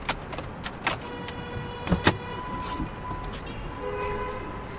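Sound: car pulling up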